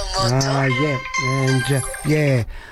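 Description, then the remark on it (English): A telephone rings loudly, sounding three buzzy, tonal bursts in a steady rhythm with short gaps between them. “Phones. Amazing. That's the second time in a row, isn't it?”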